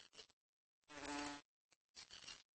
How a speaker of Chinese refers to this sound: 对花蝇的嗡嗡声做出了反应，他们假装自己是花朵。